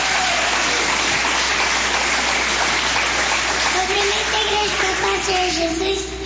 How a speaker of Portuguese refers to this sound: Vamos receber a serva do Senhor com palmas que glorifique o nome do Senhor Jesus.